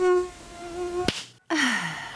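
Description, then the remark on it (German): A thin, high mosquito whine hums steadily, is cut by a sharp click and a brief silence, then returns with a gliding, slightly falling pitch. No one speaks. “Dieses Geräusch, gell? Das macht mich fertig. Das ist so wie Zahnarzt, Bohren und die Gälse.”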